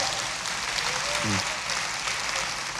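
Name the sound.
audience applause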